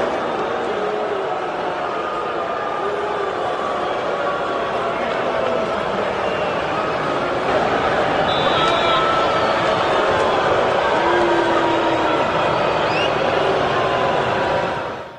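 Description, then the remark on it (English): A huge stadium crowd of Miami fans at Hard Rock Stadium boos Tua Tagovailoa on his return after six seasons with the Dolphins, without a break, a dense, loud wall of jeering voices holding steady for about fifteen seconds, with a few sharp whistles cutting through partway. “you're getting booed as you walk in”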